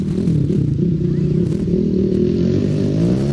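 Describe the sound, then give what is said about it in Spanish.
Loud, steady engine noise from several motorcycles ridden by young men trying to escape the police surrounding them, a continuous low rumble with shifting pitch as they rev, no clear speech over it. “Se escucha el ruido de las motos, ¿no?”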